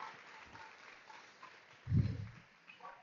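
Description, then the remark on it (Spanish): A church audience applauding God at an evening service: a soft, steady wash of crackling claps that carries through the whole clip, with one dull low thump partway through. “Si usted cree que vale la sangre de Cristo, dele ese aplauso a Él en esta preciosa noche.”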